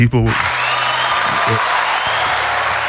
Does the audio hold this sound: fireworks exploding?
no